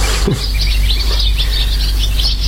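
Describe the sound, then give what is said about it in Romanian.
A flock of many birds chirp and twitter at once over a park in the evening, filling the sky in a dense, continuous chorus of short high calls, steady throughout over a low outdoor rumble, with no one speaking. “În parcul e aproape, când se lasă seara, se umple cerul de ele. Ia, ascultă-le.”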